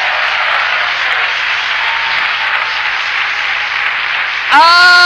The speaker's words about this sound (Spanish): ¿Cuántos aplauden con ganas? ¡Vamos!